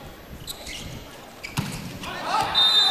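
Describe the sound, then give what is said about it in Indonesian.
A volleyball cross-court spike lands out, too long and too wide, with a single sharp, solid smack against the court, standing out above a steady crowd murmur that swells louder just afterward. “Sayang pukulan crossing terlalu panjang, terlalu melebar.”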